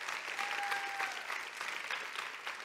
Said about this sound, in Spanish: Vamos, denle un fuerte aplauso al Señor, iglesia.